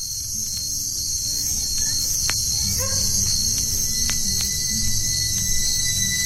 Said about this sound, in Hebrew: קצת צרצרים ברקע.